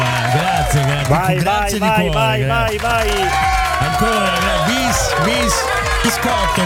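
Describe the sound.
A crowd applauds steadily, with clapping mixed with loud cheers, whoops and shouting voices that rise and fall in pitch, keeping a dense, even roar throughout.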